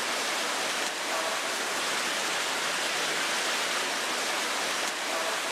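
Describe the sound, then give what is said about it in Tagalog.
Heavy, nonstop rain with strong gusts of wind pours down in Luzon without a break, a dense, steady hiss filling the whole clip at a constant, fairly loud level, with no voices. “Walang tigil na pag-ulan at malalakas na hampas ng hangin.”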